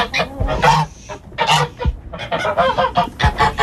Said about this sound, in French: Ah, mais attends, il y a les oies. Il y a les filles.